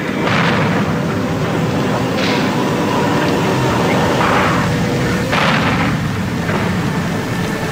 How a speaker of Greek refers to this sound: θα σκέπαζαν οι εφιαλτικοί ήχοι των εκρήξεων από τις βόμβες που έπεφταν από τον ουρανό